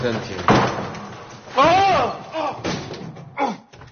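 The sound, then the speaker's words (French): A locked broom cupboard door is tried and rattled, giving about four sharp knocking thuds spaced across the moment, with strained vocal sounds in between. “Ça, c'est une porte de placard. Tiens, il est fermé à clé.”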